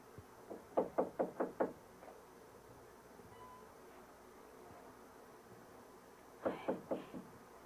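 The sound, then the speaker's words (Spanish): Knocking on the wooden door of Don Simón Duque's house, with no one answering: a quick run of five or six firm raps, a long quiet pause, then another burst of about four knocks, over a faint steady background hum. “Nadie contesta, mi mamá. No hay gente.”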